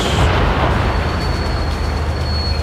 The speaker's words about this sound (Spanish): Estos son los cañonazos que se están dando. 12 horas ya con 13 minutos, 12 con 13, 12 con 13 minutos. Este es el aniversario 147 del combate naval de Iquique. Escuchemos. Este es el sonido en directo que llega desde la Plaza Sotomayor.